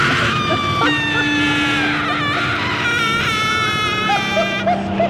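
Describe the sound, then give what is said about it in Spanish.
A loud, wild, frightful shriek, seeming to come from the bottom of an abyss, rises and wavers in high, piercing cries, breaking into several strained bursts over a low background rumble. “En ese momento escuchamos un chillido salvaje y espantoso que parecía provenir del fondo del abismo.”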